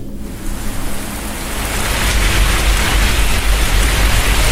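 Steady, dense recorded rain sounds, played for sleeping, hiss loudly and evenly, swelling slightly after a brief softer start, then holding as a constant wash of sound with no voices.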